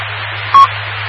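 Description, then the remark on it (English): A single short, mid-pitched phone keypad beep sounds once as an amateur radio operator plays around on his phone during a repeater net, over a steady bed of radio hiss and a low hum, with no voices. “Just playing around on my phone and listening to all the great info.”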